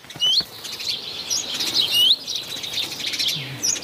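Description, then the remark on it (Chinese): A black redstart's alarm call, given after it spots a sparrowhawk standing on a roof: sharp, high chirps repeated at irregular intervals over a steady airy background hiss. There is no talking. “一只赭红尾鸲发现了它，随即发出警报。”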